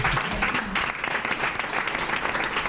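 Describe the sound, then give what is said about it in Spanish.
Sustained audience applause for a guest who sells only local produce, a dense, steady patter of many hands clapping at once, loud with no pauses. “¡Se merece un aplauso!”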